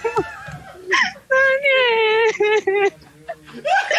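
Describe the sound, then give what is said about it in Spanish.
A person cries, with breathy whimpers building into a long, quavering wail, then broken sobbing sounds and a final shaky cry over about four seconds. “otra vez estoy llorando.”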